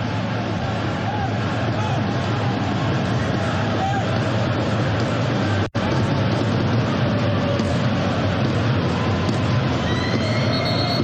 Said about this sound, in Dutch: Kleine fluitjes te horen bij het naar binnen gaan bij de rust.